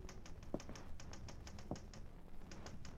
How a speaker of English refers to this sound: was typing a story in a room, and I was in the living room waiting for her to finish.